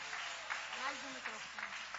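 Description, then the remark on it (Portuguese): A church audience claps steadily in praise of Jesus, a dense wash of applause, with a voice talking over it. “Palmas que ouvem ao Senhor Jesus.”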